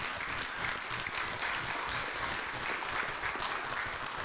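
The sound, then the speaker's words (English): An audience claps together in thanks for a baby, in steady, dense applause, a continuous crackle of many hands that holds at an even level throughout with no voices standing out. “Yes, you can clap.”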